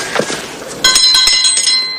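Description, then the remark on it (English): A few sharp knocks on large brown doors beside a shaded porch of a single-level property, then a small bell rings out with a bright, shimmering high tone that lingers while more taps sound over it. “Jack rings a small bell and knocks.”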